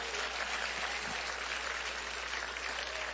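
An audience applauds the Lord Jesus with joy, steadily, a dense, continuous wash of many hands clapping at an even level throughout, with no talking over it.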